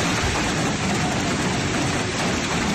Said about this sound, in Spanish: Es el sonido del pedrisco ayer por la tarde en la localidad riojano-alavesa de Yécora, donde la tormenta dejó 30 litros por metro cuadrado en poco tiempo.